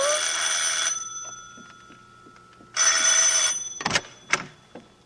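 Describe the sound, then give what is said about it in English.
A bell rings in two loud, rattling bursts, each about a second long, separated by a pause of nearly two seconds, followed by a few sharp clicks and knocks. No one speaks. “The whole room was spinning like a whirlpool, ever narrowing, until finally it was as thin as the sound of a bell.”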